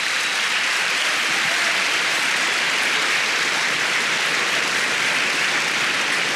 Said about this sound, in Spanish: Dele palmas al Señor.